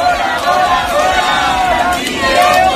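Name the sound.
protest crowd shouting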